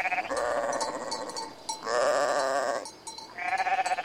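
A goat bleats three times in a row, loud, each call a quavering, nasal cry lasting about a second with short pauses between.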